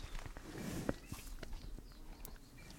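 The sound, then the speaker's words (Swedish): A group of four water buffalo standing and chewing close by, a series of soft crunching, grinding bites at an uneven pace over a steady outdoor background hiss, with no voices. “Bara står här och tuggar. Brukar de... om jag går lite närmare så kanske du hör tuggandet här.”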